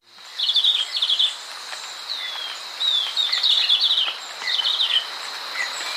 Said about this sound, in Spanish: El verderón castaño que oímos trinar no llega a medir más de 12 centímetros. Tiene la cabeza rojiza y el cuerpo y las alas de color oliva claro. Se puede observar en la serranía de Perijá, en los límites entre Colombia y Venezuela.